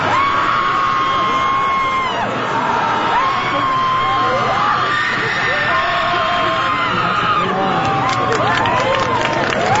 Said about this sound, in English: Not only is there a group guttural scream, there's also a screaming contest with points for volume, duration, and style.